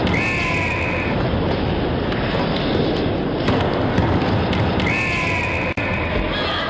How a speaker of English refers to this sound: The Fox 40 whistle. Ron Foxcroft, founder of Foxcroft International, Hamilton, Ontario, used to referee basketball games as a teen.